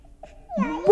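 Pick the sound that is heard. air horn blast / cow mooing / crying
crying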